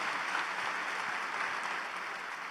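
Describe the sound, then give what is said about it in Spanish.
An audience applauds in thanks to God for the lives of some pastors, a steady, dense, even clatter of many hands clapping at once that holds at a fairly loud level throughout and eases off slightly toward the end. “Un aplauso a Dios por la vida de estos pastores, amigos.”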